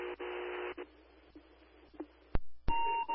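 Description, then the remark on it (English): Fairhaven Fire department radio alert tones from a daily radio and tone equipment test to home receivers: buzzy electronic tones and hissing radio static broken by sharp clicks, ending in a steady, piercing single tone. No one speaks. “Conducting daily radio tests and tone equipment.”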